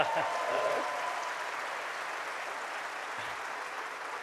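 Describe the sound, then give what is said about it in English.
A crowd applauds for Tony Benn, a dense wash of clapping that starts a little louder and holds at an even level for several seconds, with no voices standing out. “Give Tony Benn a round of applause.”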